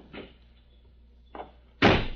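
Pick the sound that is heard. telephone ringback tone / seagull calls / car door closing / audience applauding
car door closing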